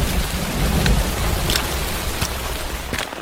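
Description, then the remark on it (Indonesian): Steady dawn drizzle hisses in a dense, even wash over a village landslide site, with a few sharper drop taps scattered through it and a low rumble underneath; no one speaks. “di tengah rintik hujan subuh langsung meninjau bekas longsoran.”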